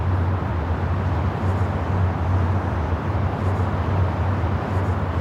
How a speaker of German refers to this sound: ganz eindeutig hören Sie ja hier die Autobahn direkt benachbart